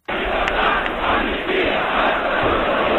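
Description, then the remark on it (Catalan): A large crowd at the 11 September demonstration in Sant Boi chants the protest slogans "llibertat, amnistia, estatut d'autonomia" together, broadcast by Ràdio Barcelona. A loud, steady roar of many voices runs without pause for the whole stretch, with a muffled, old-recording quality. “Amb aquests crits, llibertat, amnistia, estatut d'autonomia, i de fet Ràdio Barcelona va ser l'única emissora en transmetre aquella protesta.”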